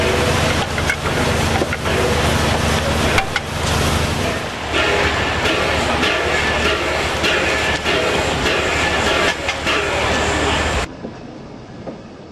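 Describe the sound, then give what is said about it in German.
A steam locomotive rumbles loudly during a stop in Västerbotten province, Sweden, a dense, steady roar with a deep low drone that carries on for about eleven seconds before cutting off abruptly. “Die Dampflok mit dieser Kulisse wird umlagert wie ein Star.”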